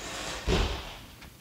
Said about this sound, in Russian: Почему она захлопнула дверь?